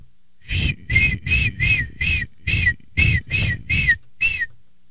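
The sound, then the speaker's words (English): A person, a senior from Colorado, imitates a seagull with about ten loud, shrill squawking cries in a quick, steady rhythm, each call short and piercing with brief gaps between. “And I can do a good seagull impression.”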